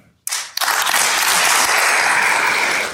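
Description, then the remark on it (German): A large audience in Karlsruhe bursts into sustained applause for Steinmeier's statement that the Basic Law applies in all German states, a dense wash of many hands clapping that starts abruptly, swells within a moment, and continues steadily and loudly without any voices. “Der Applaus für eine Plattitüde zeigt, hier fürchtet ein Milieu um seine Macht.”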